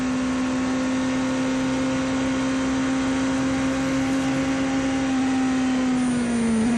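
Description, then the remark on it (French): A race car engine recorded onboard the Genesis number 19 driven by Daniel Giuncadella holds a loud, steady droning hum at constant pitch over broad rushing noise, dipping slightly in pitch near the end. No voices are heard. “Là, on était à bord de la Genesis numéro 19 avec Daniel Giuncadella.”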